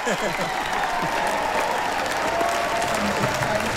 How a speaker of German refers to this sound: Jetzt gerade riesen Jubel gerade noch, ja.